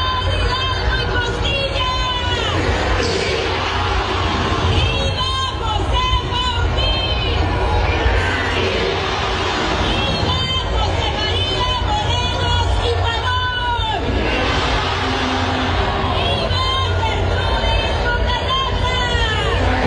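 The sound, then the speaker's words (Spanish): A pre-recorded large crowd cheers and shouts "viva" continuously, many voices blending into a loud, dense roar that holds steady for the whole stretch with no single speaker standing out. “Los vivas estaban grabados, porque la raza no está gritando viva.”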